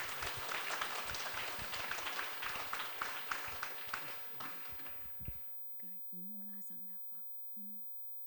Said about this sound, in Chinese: 我们再给卢顾问一个掌声。